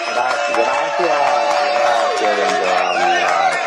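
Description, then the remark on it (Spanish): A loud, steady audience reaction with applause blended into a crowd of cheering, shouting voices, continuing without a break for a few seconds. It is applause given to Jesus for a caller's health. “Yo creo que le podemos dar un aplauso a Jesús.”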